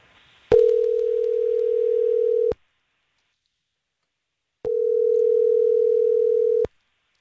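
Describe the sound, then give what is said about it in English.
A phone line rings twice: two steady, two-second electronic ringback tones separated by a short silence, each starting and ending with a faint click. No one speaks. “We're going to give Megan a call and see if she ghosted on you”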